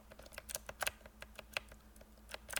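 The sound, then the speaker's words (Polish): Mechanical keyboard keys clacking as the switches bottom out against the plate, a quick irregular run of about a dozen sharp clicks, fairly quiet, with no talking. “To po prostu to stuknięcie o sam dół tej płyty, którą klawiatura jakby ma górną część klawiatury, tak?”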